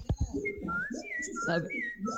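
A clear, whistled song of a Ñir bird, several short, sliding tonal phrases repeating over about two seconds, with a low murmur of voices and background noise underneath.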